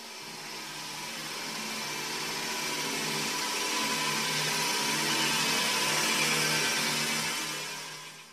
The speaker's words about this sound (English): This is Flushing Toilets.